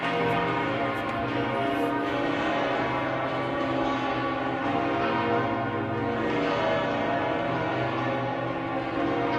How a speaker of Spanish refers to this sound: Dejamos que oigáis ese repique de campanas.